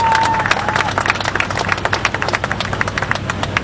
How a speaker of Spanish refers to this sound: Un fuerte aplauso para todos ustedes por estar el día de hoy aquí.